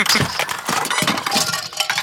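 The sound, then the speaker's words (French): A busy clatter of small hard objects tumbling and knocking together as a duck knocks over books, construction toys and little toy cars in its path, with repeated bright clinks and thuds spread across a couple of seconds, fairly loud and with no voices. “Le canard fait tout tomber sur son passage.”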